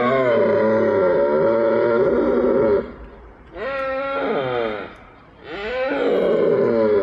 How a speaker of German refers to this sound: befinden sich die Hirsche gerade in der Brunftzeit, was weithin akustisch zu vernehmen ist.